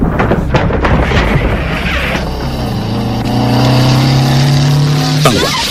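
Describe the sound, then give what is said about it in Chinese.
A motorcycle engine roars loud, rough and noisy at first, then settles into a steady droning whine as it is ridden with a passenger to a brick kiln, before cutting off abruptly near the end. “廖飞骑着摩托车来到了砖窑前，惠子指着前面的砖窑说：“ 就是这儿。”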